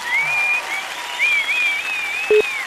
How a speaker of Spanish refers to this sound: Muy bien, se ganó un aplauso.